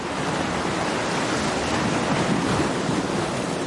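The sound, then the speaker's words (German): Steady roar of surf and gusting wind on an open beach on the Belgian North Sea coast in the off-season, a dense, continuous wash of noise with no pauses and no voices, fairly loud throughout. “Nebensaison an der belgischen Nordseeküste.”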